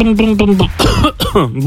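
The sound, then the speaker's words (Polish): A voice imitates the engine of a small Fiat car (a 'maluch') sputtering: a droning hum broken by rough, cough-like bursts, loud, over under two seconds. “Tak robi mój maluch.”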